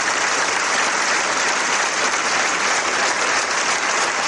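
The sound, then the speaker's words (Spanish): A crowd applauds steadily, a dense, loud wash of clapping that holds its level without pause, with no voices rising above it, in remembrance and tribute in front of the town hall of Lequeitio, after ten minutes of silence, honoring Denis, a 20-year-old from Recalde, Bilbao, who died on Saturday. “Sonoro aplauso de recuerdo y homenaje ayer frente al Ayuntamiento de Lequeitio a Denis, el joven bilbaíno de Recalde de 20 años que el sábado perdía la vida en lo que tenía que haber sido solo una jornada de fiesta, de risas y de tradición”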